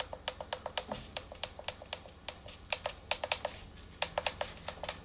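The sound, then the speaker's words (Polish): Rapid series of crisp plastic clicks from the first two of six buttons on the top front fabric of a device, the alarm 1 and alarm 2 buttons, sharp and fairly bright, repeating in quick irregular bursts with no talking over them. “I tak, pierwsze dwa przyciski mają taki dźwięk.”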